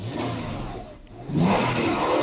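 A 2008 Toyota RAV4 engine, with 438,000 km on the odometer, revs loudly, a steady mid-pitched roar that dips briefly in the middle before surging back up and holding strong; no one speaks.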